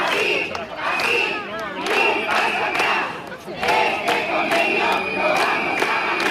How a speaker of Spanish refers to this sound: Durante media hora, centenares de personas han ocupado la calzada al grito de "este convenio lo vamos a ganar".